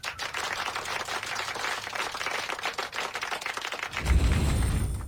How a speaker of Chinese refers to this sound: 嗯，这位同学回答得非常好，大家给他鼓鼓掌。